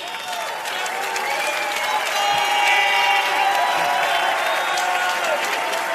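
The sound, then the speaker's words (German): A large TV show audience applauds steadily and loudly, clapping blending into a dense wash with scattered cheers and whistles rising over it, sustained without pause for several seconds. “das ist schon mal euer Applaus.”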